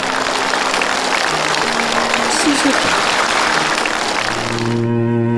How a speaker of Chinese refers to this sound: 这也是我们敬佩你的一个很重要的原因，我为你鼓掌。